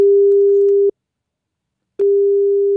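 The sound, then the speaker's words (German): A steady, mid-pitched telephone ringback tone sounds clearly for about a second, pauses for about a second, then starts again. No one speaks over it. It is an outgoing call placed by the SR3 Saarlandwelle radio station to a listener. “Und gestern hat er wieder angerufen, der Jörn.”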